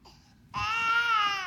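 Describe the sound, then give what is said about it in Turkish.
A baby cries in one long, loud, high-pitched wail that rises up abruptly after a brief quieter whimper, unbroken to the end. “O da abi bebek.”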